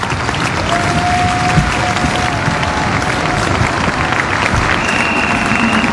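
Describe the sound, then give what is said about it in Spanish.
A large church audience, standing, applauds steadily, dense overlapping claps at a constant loud level, with a faint sustained tone drifting in the background. “Pónganse de pie, vamos a darle un fuerte aplauso al Espíritu Santo de Dios.”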